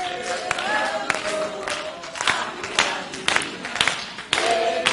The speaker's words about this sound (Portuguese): Olha as palmas como é que tá feia. Peraí, tem que ser tudo igual, irmãos. Não. Tá parecendo pipoca na panela? Misericórdia, meu Deus. Escuta, vê se a sua palma não tá na frente dos outros, ou então não tá atrás.